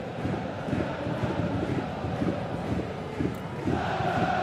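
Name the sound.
stadium crowd cheering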